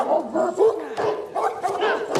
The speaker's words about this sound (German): Ich kann dich nicht hören! Die Köter sind so laut!